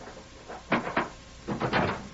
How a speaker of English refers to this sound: Let us in. Close the door.